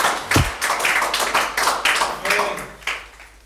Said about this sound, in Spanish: Dele palmas si usted entiende lo que digo, hermano.